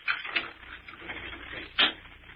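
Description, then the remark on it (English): A door at the top of a flight of stairs being unlocked: a few light metallic clicks and rattles, then one sharper, louder clack near the end, with no voices. “I gotta unlock the door.”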